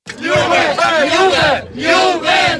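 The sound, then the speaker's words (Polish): A large crowd of students from all of Kraków's universities, marching through the city streets in costume in a colourful juwenalia procession, cheers and shouts together in loud, rising and falling waves of voices, with a brief dip in the middle before the chanting swells again. “Wcześniej ulicami miasta przeszedł barwny korowód studentów wszystkich uczelni.”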